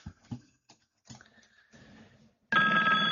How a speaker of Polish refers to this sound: aha, jeszcze telefon.